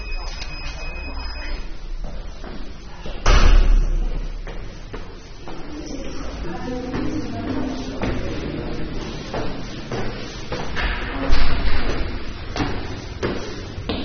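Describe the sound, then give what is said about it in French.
A door is pushed open and bangs, with two loud, heavy thuds several seconds apart amid scraping and rattling, while muffled voices murmur in the background. “La porte est ouverte.”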